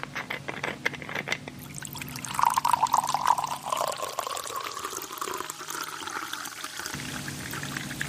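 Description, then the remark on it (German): Water pours steadily from a jug into a glass, splashing at first and then rising in pitch as the vessel fills, fairly clear with no talking. “dass Sie einen Krug Wasser auf den Tisch stellen”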